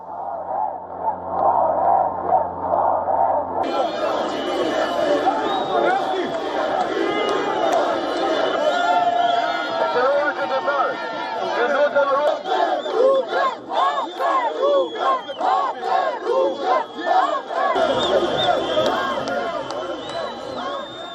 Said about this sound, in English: These are the visuals from Tirana, Albania. Protesters can be seen engaged in a clash with deployed police personnel. Some of the protesters even broke through a police cordon, after which police used water cannons to disperse the crowd.